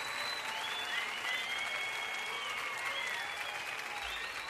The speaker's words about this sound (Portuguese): Obrigado às crianças da LBV. Palmas para as meninas.